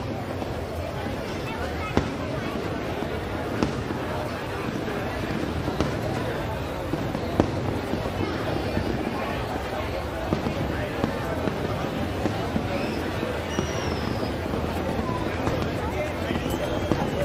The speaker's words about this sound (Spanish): Ahí tenemos ese espectacular juego de fuegos artificiales. Esa traca final.